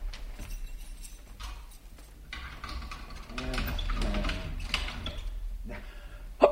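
A key rattles and turns in a door lock, giving a series of close, irregular metallic clicks and clunks over a low background, ending with a sharper click.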